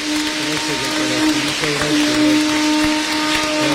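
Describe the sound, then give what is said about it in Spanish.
A church audience in the Diocese of Tuxtepec claps for a bishop in a steady, dense, crackling wash of applause that holds at an even loudness throughout, with a few sustained low tones running underneath. “Vamos a brindarle un fuerte aplauso a un Guadalupe, que está en medio de nosotros.”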